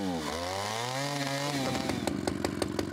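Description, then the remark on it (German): A new chainsaw, brought by a chainsaw specialist, runs with a steady buzzing drone that dips and climbs in pitch, then breaks into a rougher, rattling sputter with rapid regular pulses as it revs. “ein väterlicher Freund und Motorsägenfachmann, bringt ein neues Gerät.”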